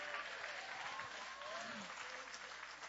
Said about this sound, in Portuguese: bate as palmas e glorifica o nome de Jesus.